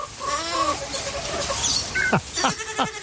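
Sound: goat bleating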